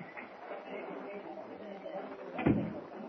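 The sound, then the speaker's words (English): A dressing room door opens with a single sharp latch clunk near the end, set against a steady background murmur of indistinct voices. “Oh, this must be the dressing room door.”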